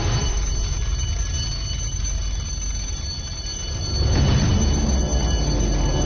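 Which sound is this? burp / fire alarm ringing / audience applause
fire alarm ringing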